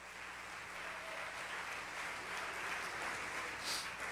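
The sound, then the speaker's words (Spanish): A church audience gives a victory applause to the Lord, a dense, steady wash of many hands clapping that holds at an even, fairly loud level for the whole stretch, with no voices standing out. “Dale un aplauso de victoria al Señor.”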